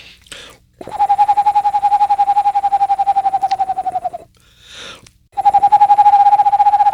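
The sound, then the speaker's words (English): A person imitates an Eastern Screech Owl with a long, steady, mid-pitched whistled trill of rapid even pulses, pauses for a breath, then starts a second trill. “But the Eastern Screech Owl was one of the ones that I grew up with here and that I like the most.”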